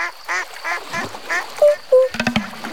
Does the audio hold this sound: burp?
no